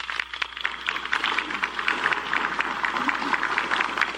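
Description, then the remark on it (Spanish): An audience applauds steadily for about four seconds for a sub-officer being recognized on behalf of the Peruvian government, a dense, even wash of many hands clapping at a fairly loud level, with no voices over it. “Un aplauso, por favor, para él.”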